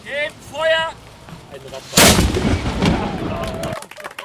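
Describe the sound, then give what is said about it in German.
A single loud blast from a historic ship's cannon, placed on the Kanonsberg by the Rostocker Schützengesellschaft Concordia and fired once, booms suddenly after brief harmonic sounds, then its heavy rumble rolls and echoes for about two seconds before cutting off. “Die hatte nämlich eine historische Schiffskanone auf dem Kanonsberg platziert und diese einmal abgefeuert.”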